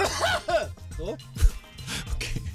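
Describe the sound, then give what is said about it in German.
A voice close to the microphone puts on an exaggerated, joking fit of coughing and throat-clearing on air, several rough, voiced hacks in a row with a sharp low burst midway. “Lustiger wäre es gewesen, wenn ich jetzt so richtig schlimm im On gehustet hätte.”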